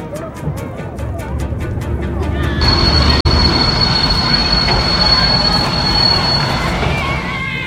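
A loud, rumbling train slows as a piercing, high-pitched wheel squeal rises partway through and holds steadily for several seconds before easing off, dominant over the heavy rolling noise.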